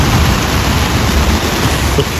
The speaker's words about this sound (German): Das ist der Sound aus dem Zelt, ja. Also da ist gerade ein fettes Gewitter über Schäsel hinweggedonnert.